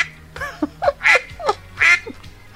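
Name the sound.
duck quacking sound effect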